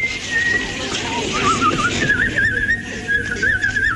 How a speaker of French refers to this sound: Vous sifflez ? Eh oui, je siffle.